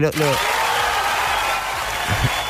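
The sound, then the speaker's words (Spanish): Steady, dense applause from a crowd fills the moment, loud and continuous, with brief bits of a voice at the start and near the end. “pero por supuesto que tendría que venir los aplausos.”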